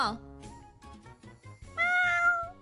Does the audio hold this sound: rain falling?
no